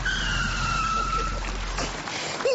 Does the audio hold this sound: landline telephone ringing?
no